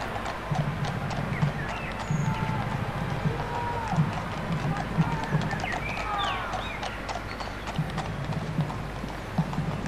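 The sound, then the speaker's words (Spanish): Many horses' hooves clip-clop steadily in a procession escorting vehicles carrying the royal family, a dense, continuous patter of hoofbeats over a low rumble of crowd noise, with faint chirps above. “detrás de todas esas caballos están los vehículos con la familia real que van escoltados.”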